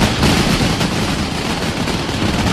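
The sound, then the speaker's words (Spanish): A dense, continuous barrage of mascletà firecracker explosions at the third mascletà competition in Plaza de los Luceros, Alicante, during Les Fogueres de San Joan, fired by Pirotecnia del Mediterráneo; loud, rapid overlapping bangs form a roaring wall of sharp cracks and booms with no pauses. “Y acaba de terminar la tercera mascleta concurso desde la Plaza de los Luceros a cargo de Pirotecnia del Mediterráneo, con un potente disparo que ha levantado los aplausos del público.”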